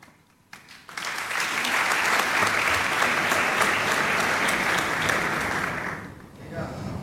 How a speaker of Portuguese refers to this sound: Metade dessas palmas são para o Tiago Torres da Silva.